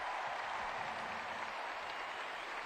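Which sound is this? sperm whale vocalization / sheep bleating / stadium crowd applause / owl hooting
stadium crowd applause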